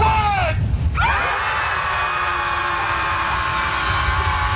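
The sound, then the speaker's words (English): A group of people at a jetty screams together after a countdown, before throwing scrunched biodegradable paper into the water; a loud short burst that breaks off briefly and then swells into a long, sustained chorus of high-pitched voices lasting several seconds. “Just scream, and then throw the biodegradable paper in the water.”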